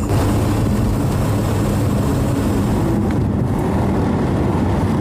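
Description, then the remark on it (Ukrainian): A loud, steady roar of a car driving toward Sviatohirsk at maximum speed, with deep engine rumble and buffeting wind noise filling the whole stretch, heard from inside or on board. “Їдемо в Святогірськ, намагаємося тримати максимальну швидкість.”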